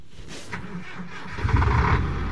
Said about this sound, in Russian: Большой автотранспортный цех гудел огромными автомобилями «БелАЗ». Одни заезжали в ремонтные боксы, а другие выезжали исправно и на линию. Выхлопные газы удалялись большими, монтированными в стены вентиляторами.